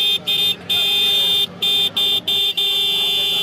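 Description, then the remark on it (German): A loud, bright horn made by the firm Roots, the top-selling horn on the Indian market, honks repeatedly in bursts of varying length, with short gaps between blasts, ending in one long sustained honk. “legen knapp 20 Euro auf den Tisch für den König der Hupen”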